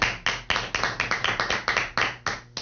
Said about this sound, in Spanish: Así que le vamos a presentar a este equipo que está aquí hermosísimo en esta mañana. Dámosle un aplauso.